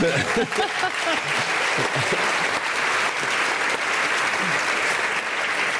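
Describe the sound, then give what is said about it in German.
Sustained audience applause, a dense steady wash of clapping hands at a fairly even loudness for several seconds, with a few faint voices mixed in underneath. “Und mit einem großen Applaus erwarte ich jetzt”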